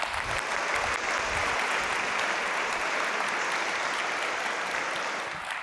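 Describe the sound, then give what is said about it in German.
An audience at an award show claps steadily for several seconds, a dense, even wash of handclaps at constant loudness that tapers only slightly toward the end. No voices are heard. “Ihr macht sehr gut mit hier beim Applaudieren.”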